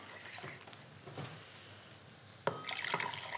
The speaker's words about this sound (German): So, wenn das jetzt hier so das erste Mal aufploppt, dann gebe ich einen Teil von der heißen Flüssigkeit noch mal in die Stärke. Mhm. Können die sich noch mal so ein bisschen angleichen.